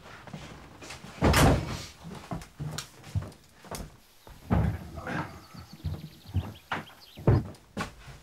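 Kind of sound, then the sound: household object, door being closed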